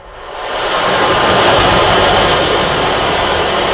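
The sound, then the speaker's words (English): An instrument imitating falling rain gives a dense, steady hiss of tiny pattering grains that swells in over the first second, then holds at an even, loud level with no voices. “Can we hear the one that sounds like water? So you can emulate the sound of rain, or you can take it to the sound of the ocean and do waves as well.”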